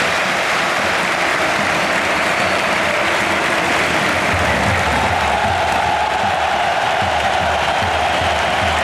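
A large stadium crowd applauds continuously, a dense, loud wash of clapping and cheering that swells slightly midway and holds steady throughout, as Hansi Flick sends Ballon d'Or holder Rodri onto the pitch for his debut in the match against Bilbao.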